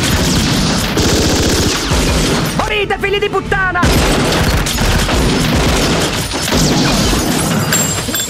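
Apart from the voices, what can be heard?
gunfire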